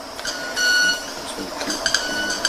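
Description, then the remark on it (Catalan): A small bird chirps with bright, electronic-sounding tones, like a bell or beeper, holding steady high notes and then giving a few short repeated pips, with no voices. “Quasi, no, és l'ocellet que va fent les seves... Sembla un timbre d'alguna cosa d'aquestes...”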